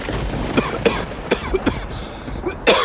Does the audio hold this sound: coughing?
yes